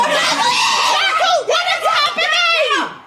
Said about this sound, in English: With this is light audio. I've cut it down to 4 seconds because literally I couldn't play anymore without swearing. Right. But these are the girls that I was watching with shouting.